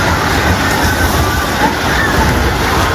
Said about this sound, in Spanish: Está temblando, hijo. Miren cómo está eso. Se acaban de caer edificios.